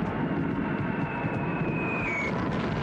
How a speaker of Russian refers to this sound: Задрав голову, Звягинцев провожает взглядом пролетающие бомбардировщики.